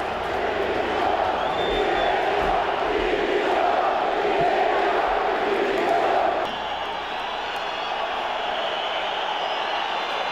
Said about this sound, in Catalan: L'afició, a més, va ser molt crítica i demana va demanar a crits la dimissió de tota la directiva. Ho escoltam en aquestes imatges.